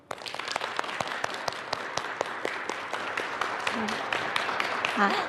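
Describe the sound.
A crowd applauds steadily, many hands clapping in a dense, continuous patter that holds even throughout, with faint murmuring voices mixed underneath.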